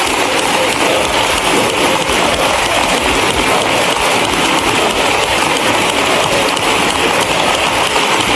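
Parliamentary applause from the benches, with Marlaska among those clapping beside Ábalos: a dense, steady wash of many hands clapping at once, loud and unbroken for the whole stretch, with no individual claps standing out and no voices on top.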